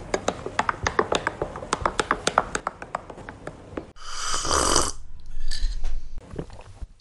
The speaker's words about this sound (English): Yes, as you can hear, I'm sipping my coffee.